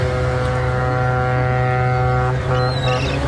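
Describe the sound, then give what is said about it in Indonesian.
A deep horn from a Chinese cargo ship carrying rice, seen in the distance approaching a dock, blares in one long, steady blast that fills the whole moment, loud, with a faint higher tone near the end. “Hingga pada hari keempat, mereka menunggu, dari kejauhan terlihat sebuah kapal Cina pengangkut bahan baku beras menuju dermaga.”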